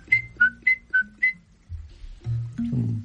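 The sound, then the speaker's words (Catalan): A person whistles five short, evenly spaced chirps imitating a sparrow, alternating between a higher and slightly lower pitch, followed by a low murmuring voice. “Pardal és com un petó a la galta.”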